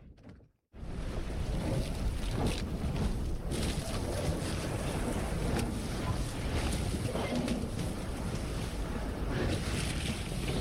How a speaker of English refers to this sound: From the bow of this 400-foot steel icebreaker, the Bering Sea is breaking up on all sides. We're plowing through slabs of ice, which splinter and fold in every geometric pattern imaginable.